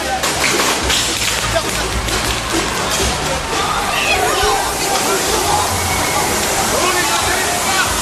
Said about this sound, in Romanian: Jandarmii au folosit tunuri cu apă și gaze lacrimogene pentru a dispersa mulțimea.